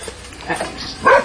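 Dogs at home snuffle with soft, breathy sniffs as they sniff a newly arrived visitor, then one brief, fairly loud whimper rises near the end, a thin whining tone with no talking over it.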